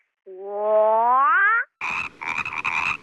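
A frog croaks: first one long, drawn-out croak that rises slightly in pitch, then after a short pause a quick series of rough, raspy croaks. No one speaks.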